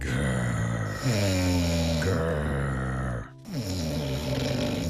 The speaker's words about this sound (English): One sunny afternoon, a lion was sleeping under a big tree in the forest. His breathing was slow and deep.